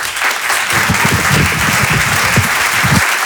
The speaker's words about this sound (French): Applaudissements. À très bientôt. Voici Alexandre Kominek.